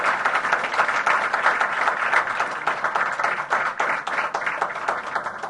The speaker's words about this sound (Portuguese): Por isso, queria, mais uma vez, agradecer aos nossos líderes, às comunidades, e pedir mais uma vez uma grande salva de palmas para todos.